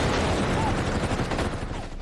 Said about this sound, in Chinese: 1936年12月12号，一阵急促的枪声划破了黎明前的寂静，西安事变爆发。